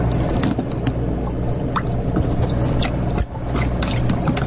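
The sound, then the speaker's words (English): Watery gurgling and slurping runs steadily as a turkey baster sucks up orange-tinted water and shrimp from a water chamber, over a constant low hum with a brief pause near the end. No one speaks. “Okay, so I'm going to get them in my turkey baster.”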